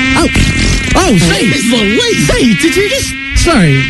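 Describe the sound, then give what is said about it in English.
A loud mosquito buzz from a new species of Brazilian mosquito let out of a container drones continuously for about four seconds, its pitch swooping up and down in wavering, almost melodic glides over a steady low hum. “What we are going to show you is the brand new species of the Brazilian mosquito.”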